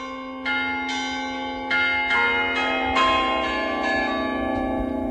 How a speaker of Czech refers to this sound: Tak ta stavba je tak jako docela malá, je to venkovská kaple s centrálním oltářem, je poměrně převýšená, docela nezvykle převýšená, sahá pohled až někam do nebe, až někam k Pánu Bohu, přes ty zvony, které jsou nad náma.